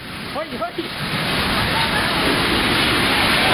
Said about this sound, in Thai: เนี่ยคือฝนตกแล้วก็ลมแรงมากนะคะจะเห็นกิ่งไม้เนี่ยหักลงมาเต็มเลย หักลงมาต่อหน้าเลยเนี่ย